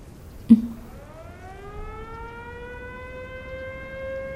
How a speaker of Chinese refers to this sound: 什么声音？ 空袭警报，日本人的飞机要来了。